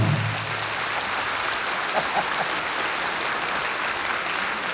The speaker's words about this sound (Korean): 좋다 그렇습니다. 박수 자주 치십시오.